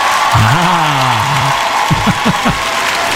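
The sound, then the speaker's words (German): A loud, dense crowd roars and claps throughout, with individual whoops and a few short, excited shouts rising above the steady wall of applause. “Also so ein bisschen ekstatischer darf der Jubel schon sein.”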